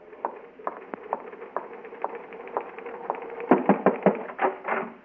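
Typewriter keys clack in an uneven stream of sharp strikes, spaced out at first and then speeding into a quicker, louder flurry near the end, with no voices.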